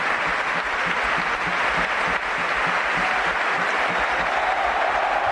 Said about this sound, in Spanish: Es Galarreta, Galarreta. Se marcha a Galaxy, ovación de San Mamés.